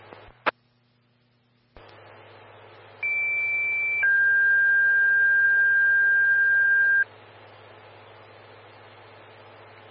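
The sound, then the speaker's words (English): Evergreen Fire radio dispatch paging tones, sent for a driver for a sick person on South Cedar Road, over steady static: a short high tone for about a second, then a lower steady tone held for three seconds, loud and clear, with hiss continuing afterward. “Evergreen Fire, standby for tones for a driver for a sick person on Cedar Road.”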